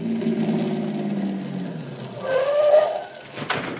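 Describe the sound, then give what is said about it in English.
A car engine rumbles steadily and gradually winds down as the vehicle slows and pulls in behind a parked car, late at night with no traffic, followed by a brief high-pitched whine and a short clunk at the end. “Car parked up ahead. Kill the lights and get in behind.”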